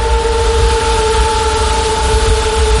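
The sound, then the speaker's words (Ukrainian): A steady, unbroken mechanical hum with sustained tonal whines layered over it, like several drones buzzing at once, holding an even loudness throughout without any voices. A swarm of Russian-launched drones fills the sky near Dobropillia once the sun comes out. “Щойно дозволяє погода, дрони сповнюють небо під Добропіллям. І їхній гул, здається, вже не змовкає ні на секунду.”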